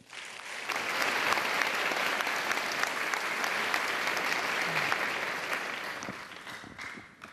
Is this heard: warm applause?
yes